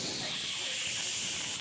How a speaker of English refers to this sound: I was putting on some deodorant, and my spray nozzle stuck.